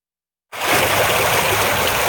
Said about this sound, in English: Water rushes through the fairway at the Bluffs Golf Club just outside Port Stanley. The water is about a knee-high deep.